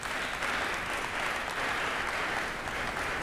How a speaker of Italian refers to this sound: credo che l'applauso in questo caso sia assolutamente doveroso.